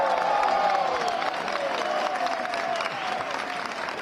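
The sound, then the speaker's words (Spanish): A large crowd applauds steadily outdoors at a street protest camp in central Madrid, where people have camped for over two weeks demanding decent housing. A dense wash of clapping with scattered cheers and whistles rising above it, sustained and fairly loud throughout. “Estaban aplaudiendo ahora.”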